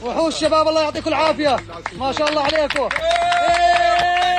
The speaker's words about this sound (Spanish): Los aplausos y los vítores han vuelto a sonar durante al menos unos segundos cuando el equipo de rescatistas procedente de Jordania ha conseguido rescatarle con vida.